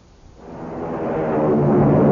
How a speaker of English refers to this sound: Hear that? It's the sound of a mighty American Airlines flagship taking off.